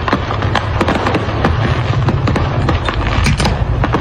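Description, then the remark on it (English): Fireworks from an overturned truck on an interstate in Tennessee go off in a relentless, chaotic barrage for about five minutes: dozens of sharp pops and crackles overlap over a deep, constant rumble, loud, with no pause across the whole stretch. “I can't hear you. The fireworks are too loud.”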